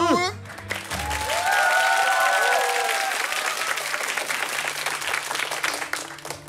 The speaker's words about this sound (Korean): 눈치껏 박수를 잘 쳐야 됩니다. 그러니까요. 이게 방금은 한 0.5초 정도 예, 어느 순간에 박수를 쳐야 되는지 아직도 감이 없는 사람들이 있어요. 아. 네, 남들이 칠 때 알아서 눈치껏 빠르게 따라서 빠르게. 박수를 쳐야 됩니다.